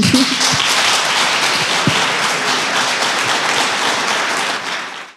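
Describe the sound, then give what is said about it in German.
An audience applauds the guests of the Schul-Sachsen-Sofa steadily, dense crackling claps filling the whole stretch at a strong, even level before fading out at the end; no one speaks. “Euer Applaus.”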